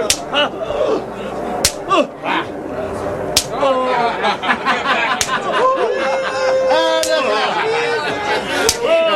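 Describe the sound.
A soldier scourges a prisoner with a whip of many thorns: lashes crack sharply about six times at a slow, steady pace, loud, while voices groan, cry out and murmur continuously underneath.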